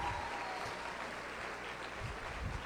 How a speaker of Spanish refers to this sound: Yo quisiera que le dieran un fuerte aplauso a María, que nos acompaña.